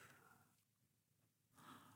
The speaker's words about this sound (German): Ruhig und tief geht unser Atem. Nun lassen wir es atmen. Es atmet.